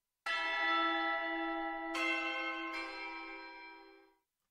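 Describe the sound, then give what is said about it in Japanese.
A radio time-signal chime for 3 p.m., presented by Totari Dental Clinic, rings three bright, bell-like tones, the second and third following in quick succession, each note sustaining and overlapping before fading out cleanly; loud, with no voices. “笑顔を支えるあなたの街の歯科診療所、戸当たり歯科診療所が午後3時をお知らせします。”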